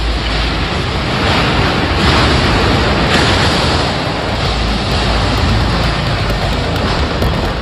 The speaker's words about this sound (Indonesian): Kamera warga merekam detik-detik angin kencang menerjang kawasan industri PT VME Proses